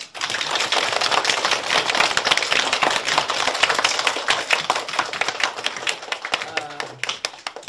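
A classroom full of students applauds to welcome a professor from the National Defense University, an expert on Lei Feng, a dense, steady patter of many hands clapping at once that holds for several seconds before thinning out and fading at the end.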